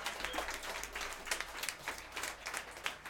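A short burst of applause from a small group, a steady patter of many overlapping claps at moderate loudness with no voices standing out.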